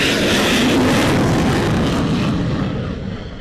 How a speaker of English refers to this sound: This is the launch of the F-16s from the RAAF base a little earlier. Okay, this particular batch of the F-16s from Thailand.